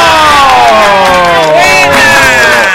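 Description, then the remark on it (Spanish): A loud, sustained burst of studio audience cheering welcoming the hosts of the show Sabadazo, with many overlapping voices whooping and yelling in rising and falling tones over a dense wash of crowd noise, probably with applause mixed in. “¡Aplauso!”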